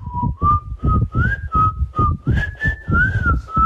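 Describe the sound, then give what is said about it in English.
A breathy, airy whistled rendition of a jingle carries a short melody, each note wrapped in heavy wind-like hiss and rumble, fairly loud with no talking. “She's resorted to sending us a very windy, whistling rendition of the jingle.”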